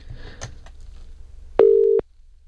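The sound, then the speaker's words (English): A phone's outgoing ringing tone of a call to a man's wife sounds once as a short, steady, fairly loud electronic burst, following a few seconds of quiet handling rustles and clicks. No one speaks. “I've now got to try and remember my wife's phone number.”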